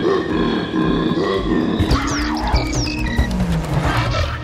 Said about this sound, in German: Der Koala klingt super komisch. Die Koala-Weibchen können übrigens auch so laut brüllen.